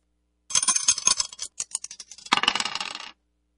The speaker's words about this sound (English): Let's throw the dice and see which one we're going to play out of this one.